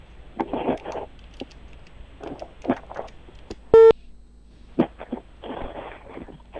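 Telephone dialing sounds: scattered short clicks and taps, then one loud, clear electronic beep midway, followed by more brief keypad-like bursts, with no one speaking, as someone dials a local housing and construction bureau's number, which turns out not to exist.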